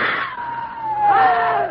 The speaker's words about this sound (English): Scream again. Make noise.